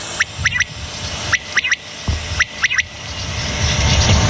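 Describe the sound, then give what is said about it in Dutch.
A male common quail repeats its sharp three-note call to attract females three times in steady succession, carrying clearly over a low outdoor rumble of wind and traffic. “En als je dit hoort, dan weet je dat je met een kwartel te maken hebt.”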